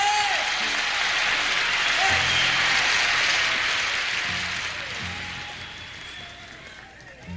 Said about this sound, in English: let's give a hand to the …. Clap loud in there, come on.